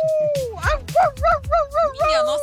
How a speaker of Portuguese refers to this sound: É, acho que é fome esse cachorro. Esse cachorro é fome.